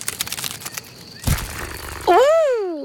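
A quick, papery fluttering of a ladybug's tiny wings beats rapidly for about a second, followed by a short rustling burst and then a loud, bending whistle-like tone that rises and falls.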